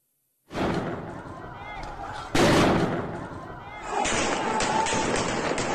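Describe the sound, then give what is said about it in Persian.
Gunfire rings out over a chaotic street scene during the Islamic Republic's armed crackdown on protesters in Iran in 2022–2023: a loud, sharp shot bursts through the crowd noise, followed by more crackling shots amid shouting voices and general commotion. “مردم بی‌دفاع، شلیک‌های هدفمند و بازداشتگاه‌هایی که راه بازگشت نداشتند.”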